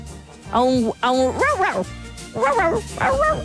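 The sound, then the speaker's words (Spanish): A person mimics a dog barking with a few bouncy, drawn-out vocal woofs, clear and in quick succession, as the punchline of a joke about a dog with a fever, without any real animal present. “A un guau guau.”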